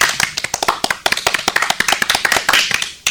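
Loud applause from a group, dense overlapping hand claps in a fast, steady patter that continues for a few seconds with no voices.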